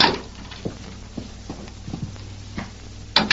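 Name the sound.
horse hooves clip-clopping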